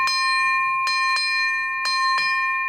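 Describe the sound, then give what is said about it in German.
A ship's bell rings out clearly, already sounding at the start, then struck in two quick pairs of double strikes. Its bright, high metallic tone sustains steadily between blows, with no voices. “Dann nehme ich die Glock und schlug einmal an.”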